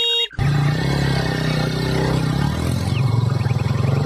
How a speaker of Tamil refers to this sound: அவரு ஸ்கூட்டர் தான் இது.